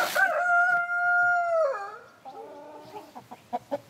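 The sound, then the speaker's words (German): A bred German Salmon rooster lets out one long, loud crow that drops at the end, followed by a few short clucks. No one speaks. “Sie züchten das deutsche Lachshuhn.”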